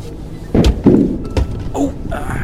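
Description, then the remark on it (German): A four-wheel-drive car driving up a footpath bumps over caltrops scattered on the track: three heavy, irregular low thuds over a steady rumbling background, followed by a brief higher-pitched creak or squeak. “Ich glaube, ich bin irgendwo drüber gefahren.”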